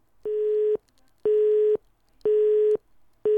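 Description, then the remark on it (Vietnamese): A telephone busy signal on a failed call to a listener phoning in to the radio show Giảm tốc lên đèn: steady tone bursts of about half a second, repeating evenly with equal pauses, clear and fairly loud with no voices. “Ồ, như vậy là thêm một lần nữa lại có trục trặc về tín hiệu kết nối.”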